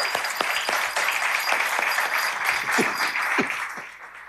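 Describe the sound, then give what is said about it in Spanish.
An audience applauds a doctor steadily, a dense wash of many hands clapping at once with a few sharper individual claps standing out, fading slightly toward the end. “Hay que sensibilidad y darle un aplauso”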